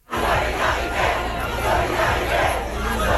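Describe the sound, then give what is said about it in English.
A large crowd of student protesters chants and shouts in unison at a street protest in Paris, France, a loud, dense roar of many voices with rhythmic swells, sustained without pause throughout. “The student protests, like this one in Paris today, began last week and spread across France.”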